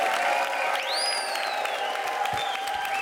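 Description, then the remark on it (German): A crowd at a pop-up concert in a bicycle shop applauds steadily and densely for the shop's owner, with a shrill rising whistle cutting through partway in. The clapping stays at an even, fairly loud level with no voices. “Bitte einen Riesenapplaus”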